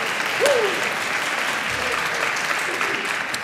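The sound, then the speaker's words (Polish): An audience applauds a composer colleague seated among them, a dense steady wash of clapping that holds at a constant level for a few seconds, with a brief whistle-like sweep near the start. “Brawa dla kolegi.”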